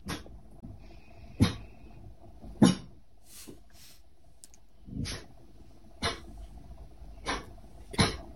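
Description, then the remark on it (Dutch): A dog trying hard to stay quiet at 8 o'clock, when everything suddenly went silent, gives a series of short, muffled, stifled barks, about seven soft huffs spaced irregularly over several seconds, with no talking. “Maar dat is, hij kan heel hard blaffen.”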